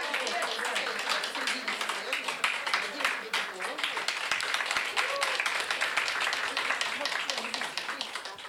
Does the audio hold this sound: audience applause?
yes